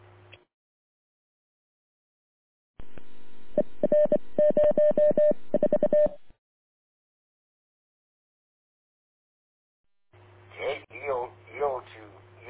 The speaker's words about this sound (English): Morse code traffic.